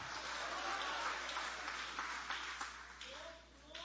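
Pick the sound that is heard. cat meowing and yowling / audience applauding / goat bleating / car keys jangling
audience applauding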